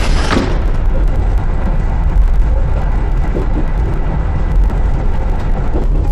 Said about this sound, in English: Dear passengers, we are arriving at 长阳 train station.